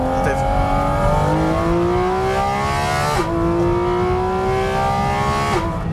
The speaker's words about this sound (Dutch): Maar los van het uiterlijk is natuurlijk dit is het. Dat geluid, die motor die zoveel toeren mag draaien, die zo puur rauw en eerlijk is. Ja, rauw is niet het goede woord. Heftig. Heftig, maar toch ook verfijnd.